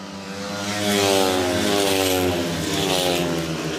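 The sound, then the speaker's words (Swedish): Speedway motorcycles roar around the track, their high-pitched engines droning steadily and loudly, with the pitch shifting slightly as they pass; Lejonen riders Cerniak and Drabik lead into the third lap, with two Dackarna riders at the back. No one speaks. “Cerniak och Drabik leder för Lejonen in på tredje varvet. Lite följa John Speedway här.”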